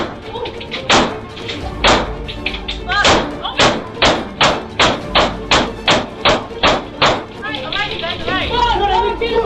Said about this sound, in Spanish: Oh! disparó la chapa de la puerta varias veces hasta que se acaba los tiros. Luego, toma la otra pistola y hace lo mismo.